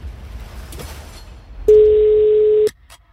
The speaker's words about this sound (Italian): Riattaccata. È nullo, ragazzi. No, riattaccata, ha fatto due squilli.